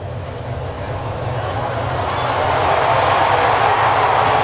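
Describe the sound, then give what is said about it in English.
A dense, steady baseball stadium crowd roar swells louder partway through and holds at that higher level, a continuous wash of cheering with a low rumble underneath, as the crowd watches a replay of an inning-ending double play. “The crowd's about to see it. You'll hear their reaction.”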